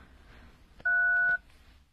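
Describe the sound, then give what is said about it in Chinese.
A single clear telephone keypad tone sounds for about half a second as a phone number is dialed to call someone, a steady two-pitched electronic beep standing out loudly over faint background hiss and small clicks. “麻烦你给他打个电话，就说有事情让他来一下。”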